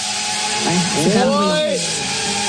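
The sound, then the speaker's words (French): A drone's motors buzz steadily like a lawnmower, a whiny harmonic drone whose pitch swoops up and back down midway as it revs, over a constant hiss. “Et justement, il y a une vidéo où vous entendez, ça fait un petit peu le bruit d'une tondeuse, finalement.”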